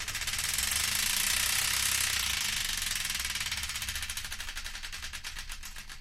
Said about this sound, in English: And I don't know about anyone else, but I believe it's once again time to give the Wheel of Destiny another spin.